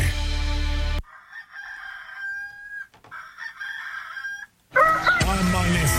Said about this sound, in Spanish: Gustosos con el canto del gallo. A levantar los ánimos, oiga.